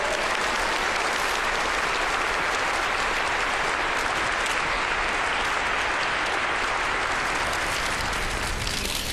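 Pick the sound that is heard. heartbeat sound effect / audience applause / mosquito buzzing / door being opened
audience applause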